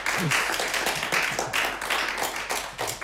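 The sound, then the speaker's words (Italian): A fairly crowded audience at a chamber music performance with a piano quartet (violin, viola, cello, piano) applauds steadily, many hands clapping in a dense, continuous patter that stays at an even, fairly loud level throughout, with no voices standing out. “Potete anche applaudire se volete dare un segno.”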